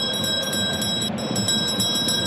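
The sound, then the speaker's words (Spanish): A bell rung to mark 30 minutes of the first half of a football match between Cristal and Sport Huancayo at the Gallardo rings continuously with a steady, bright tone and a fast rattling pulse. It sits over a wash of crowd-like background noise, and no one speaks. “Porque, atención, perrito, haga sonar la campana porque hemos llegado a los 30 minutos de este primer tiempo en el Gallardo.”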